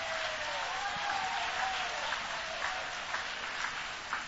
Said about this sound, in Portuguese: Oh, meus irmãos, se você tem Jesus que tem suprido as necessidades da sua alma, joga a mão para cima e aplaude a Ele com uma alegria.